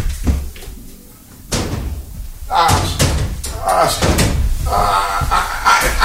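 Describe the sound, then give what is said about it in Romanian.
A wooden door, taken from the royal suite, is lifted off and shifted around, with a few scattered knocks and thuds giving way to a busy stretch of clattering handling noises. “Hai să luăm ușa de la suitoarea regală.”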